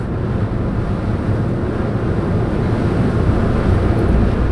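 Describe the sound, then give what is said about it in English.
A Blue and Gold Fleet ferry crossing the bay: a steady low engine rumble blends with the rushing wash of water and wind buffeting the microphone, loud and unbroken throughout, with no voices. “on the Blue and Gold Fleet ferries on the bay.”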